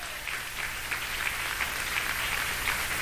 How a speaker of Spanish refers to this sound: Dan palmas a Dios, que Él vive.